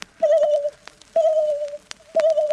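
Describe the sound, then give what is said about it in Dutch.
A voice imitates a submarine sonar ping three times, roughly once a second, each a clear mid-pitched hum that starts sharply and fades out, with a few small clicks in between. “De sonar.”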